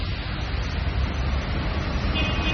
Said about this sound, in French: Je cherche le bus numéro 3.